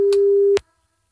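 A telephone ringing tone heard while a 3FM radio host calls a listener: one steady, low electronic tone holds for about half a second with a faint click, then cuts off into silence. No one speaks.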